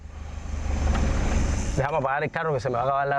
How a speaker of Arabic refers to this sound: سأفتح التطبيق لترى، دعني أطفئ المحرك حتى نحافظ على ما تبقى من وقود وأشرح لك.